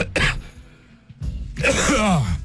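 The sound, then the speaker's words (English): A radio host coughs harshly a couple of times, loud, with a raspy throat-clearing burst and strained, groaning vocal noise at the end. “Pride comes before the cough, as they say.”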